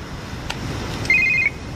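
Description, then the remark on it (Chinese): A telephone rings once in a TV drama, a caller phoning again after being hung up on: a short, warbling electronic burst lasting under half a second, clear over a low background hum, with no one speaking. “啊，你疯了，我给你电话挂了还打过来，你想死吗？”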